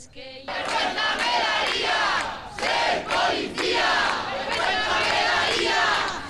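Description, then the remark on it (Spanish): A protest crowd shouts chants against the Ertzaintza in loud, repeated bursts, many voices rising and falling together with brief dips between the cries, sustained for several seconds, as people gather to try to prevent an eviction. “Bueno, pues también hay momentos para la indignación, sobre todo los gritos que se están repitiendo aquí una y otra vez contra la Ertzaintza.”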